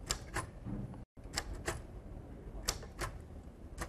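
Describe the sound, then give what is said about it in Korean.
Sharp, irregular key strikes from a decades-old English-language manual typewriter, still in working order, clacking in quick bursts with short pauses, over faint mechanical rattle and no voices. “네, 실제로 수십 년 된 타자기지만 아직도 작동을 하고 있는 것을 볼 수가 있네요.”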